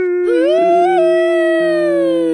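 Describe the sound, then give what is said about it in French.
A voice imitates a frightened elephant's trumpet with a single loud, sustained blare lasting about two seconds. The pitch rises slightly, then holds steady, with no other sounds. “Alors, quand Miao Miao, il détale comme ça devant l'éléphant, l'éléphant, il a peur. Et il barille comme ça.”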